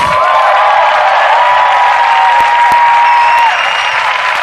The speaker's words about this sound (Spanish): Quiero pedir un fortísimo aplauso para María Ifeu.